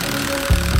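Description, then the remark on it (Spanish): A steady engine idles with a low rumbling drone, which swells into a heavier, throbbing surge about halfway through, from road construction works repairing the city roads in Manizales. “¿Escuchas eso? Son las obras en Manizales.”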